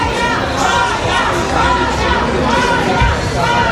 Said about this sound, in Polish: W hali przylotów czekał na nią tłum fanów.